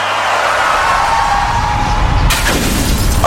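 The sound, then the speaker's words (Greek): A rumbling crash builds, then a sudden bright burst of car windshield glass shattering cuts in and rings on, loud, with no voices. “Πάει το Μπαμπρίς. Ποιος τον ακούει τώρα? Γυναίκα, τι έπαθε το αμάξι?”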